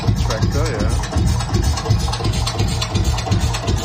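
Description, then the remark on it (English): A Lanz Bulldog tractor engine chugs steadily with a deep, regular low thump several times a second, loud, with people talking faintly underneath. “So that's the Lance Bulldog. The tractor.”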